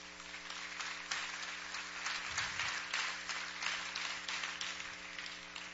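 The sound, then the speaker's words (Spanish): An audience applauds God steadily for several seconds, a dense, continuous patter of many hands clapping at an even, moderate loudness with a low electrical hum underneath and no voices. “Yo creo que Dios merece un aplauso.”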